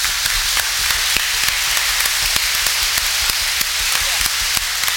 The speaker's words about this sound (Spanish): Solo nos queda un agradecimiento por todo el amor, la entrega con que usted ha estado en esta parroquia La Inmaculada. Le agradecemos con un fuerte aplauso.